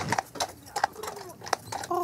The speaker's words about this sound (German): Das ist das Schöne an dieser Insel, dass man fast kein Autogeräusch hört und dass man auch kein Benzingestank hat. Und dass man, wenn man morgens aufwacht, das Pferdegetrappel hört. Und das ist einmalig.